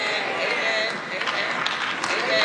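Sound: audience clapping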